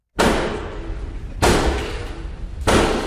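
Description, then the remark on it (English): Three loud, heavy bangs by Black Rod on the wooden doors of the House of Commons in Westminster, evenly spaced about a second apart, each booming and ringing out with a strong echo, with no voices. “It's Black Rod's most famous gig, banging on the Commons doors.”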